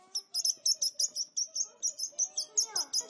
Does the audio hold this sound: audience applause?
no